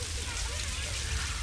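A steady, even hiss of rain falling, soft and constant with no breaks, with a faint voice murmuring underneath.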